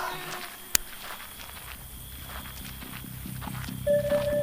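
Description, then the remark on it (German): Horses approach with a steady, rhythmic patter of hoofbeats that grows gradually louder. A single sharp click sounds near the start, and a faint tone rises near the end. “Meisterin, Pferde!”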